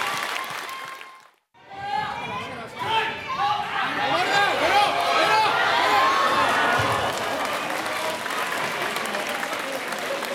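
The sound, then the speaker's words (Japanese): After a short pause, a crowd breaks into loud, sustained applause, with scattered cheers and excited voices woven through the dense clapping, which stays steady until the end. The applause is for the final bout of the 6th-grade boys' tournament at the 40th Wanpaku Sumo Chofu tournament. “皆様盛大な拍手をお願いいたします。”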